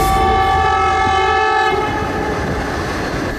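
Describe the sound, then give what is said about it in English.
A loud, sustained train whistle blares over the low rumble of a moving train, holding steady before fading into the continuing rolling clatter of the railcars. “And finally, in 1952, with the sound of a train whistle, Chengdu and Chongqing achieved a new level of connectivity.”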